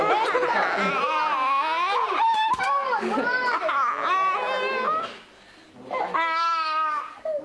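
A child cries and sobs loudly in long, wavering high-pitched wails after his mother threatens to delete the online games on her phone, hitting out and trying to grab the phone from her, breaking off briefly near the end before one more strained wail rises.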